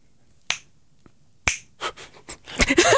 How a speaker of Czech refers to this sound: Líbilo se mi, jak si lusknul radši dvakrát.